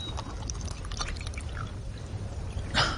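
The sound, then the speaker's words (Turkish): Water is poured so a man can be given a sip to drink, with soft trickling and scattered small drips over a low rumble, ending in a brief louder splash. No one speaks. “Bir yudum su içireyim sana.”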